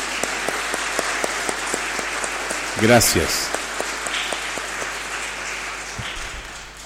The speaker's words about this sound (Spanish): Dense vuelta, por favor, para que la comunidad los salude dándole un fuerte y cariñoso aplauso.